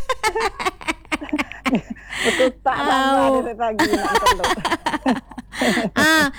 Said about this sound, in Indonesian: Bunyi ayam di belakang tu. Dengar ke? Dengar lah, petok, petok.